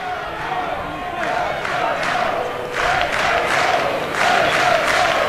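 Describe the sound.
A large baseball stadium crowd lets out a collective groaning moan as a batter's swing in extra innings is fouled out of play, a broad wash of voices that swells in a few waves and stays loud and steady throughout.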